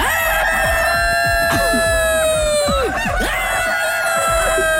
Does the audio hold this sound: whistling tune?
no